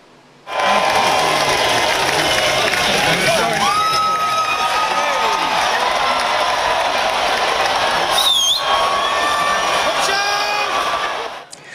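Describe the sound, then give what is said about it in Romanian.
A large crowd cheers and shouts continuously as dozens of people line up at the start of an annual cheese-rolling race in a village in England, with scattered whoops and a few sharp whistles rising above the dense, steady roar of many voices. “Într-un sat din Anglia a avut loc ediția anuală a celebrului concurs de alergat după brânză. Zeci de oameni s-au aliniat la start.”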